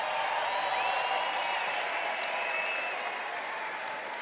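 A concert audience applauds in a dense, steady wash of clapping that holds at full strength throughout, with a few high, sliding whistles cutting through over the top.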